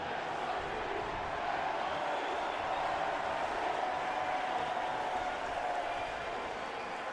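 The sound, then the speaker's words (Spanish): A dense stadium crowd of New York City FC fans roars and shouts continuously, a steady wall of many voices chanting and yelling at a constant loud level with no pauses, while waiting for the Timbers and New York City FC to enter the field. “El grito a la derecha de NYC, que lo pueden escuchar.”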